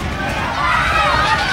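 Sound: people screaming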